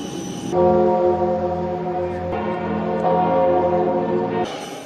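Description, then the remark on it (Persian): Church bells in Paris ring loudly and continuously to welcome Pope Leo XIV on his arrival, their overlapping tones blending into a steady, resonant drone that shifts slightly in pitch partway through, with no voices present. “با ورود او به پاریس ناقوس کلیساها برای خوش آمدگویی به پاپ به صدا در آمد”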